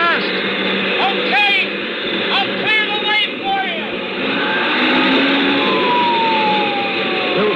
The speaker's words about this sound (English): Sirens screaming, red lights flashing, and I breathed once more.